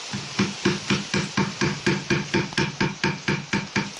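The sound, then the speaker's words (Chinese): A chisel strikes into wood in a steady, even rhythm, about three or four sharp knocks per second, clear with no voices, as wood is carved and its surface smoothed by hand in traditional Foshan woodcarving. “刚才大家听到的声音是黑刀凿入木层打磨木面的声音，就是我们佛山木雕独有的工艺声响。”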